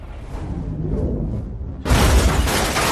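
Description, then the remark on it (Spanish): An arrow shot beneath a car explodes: a rumbling build-up gives way to a sudden loud blast with crashing, shattering debris as the car is thrown into the air, full-band, sustained for about a second before a slight drop. “La flecha explota, lanzando el auto por los aires en una enorme explosión.”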